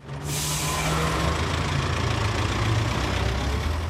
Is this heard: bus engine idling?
yes